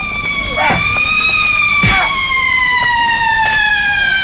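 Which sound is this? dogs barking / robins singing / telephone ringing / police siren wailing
police siren wailing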